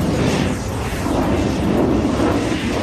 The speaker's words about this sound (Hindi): और अब शुरू हुआ लड़ाकू विमानों के बीच आमने सामने का भीषण युद्ध। एक ओर 6 शक्तिशाली सेबर जेट विमान थे और दूसरी ओर फ्लाइंग ऑफिसर सेखों का इकलौता नेट विमान।